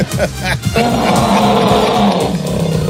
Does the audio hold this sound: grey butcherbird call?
no